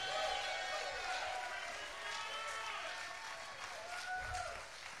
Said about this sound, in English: Y'all all right? How about a big round of applause for Mr. … from Flint, Michigan on guitar?